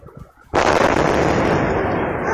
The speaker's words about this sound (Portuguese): E aí a explosão por gás, depois cachorro latindo, enfim, não dá pra ver nada na imagem que o ouvinte mostra, é só mesmo o circuito interno ali monitorando o que parece ser uma varanda, um terraço ali na parte de cima, mas o barulho é muito forte.